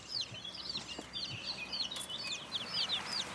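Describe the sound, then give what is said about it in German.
A rooster named Franz Josef clucks softly, a steady run of short, chirpy calls repeating throughout at low volume, with no one talking over it. “Übrig blieb Hahn Franz Josef.”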